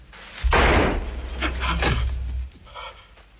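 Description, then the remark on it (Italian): A pistol is set down on a wooden table with one solid clunk, followed by a low lingering rumble and faint shuffling movement. “Metti la pistola sul tavolo.”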